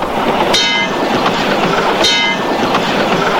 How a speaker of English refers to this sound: And riding on subways.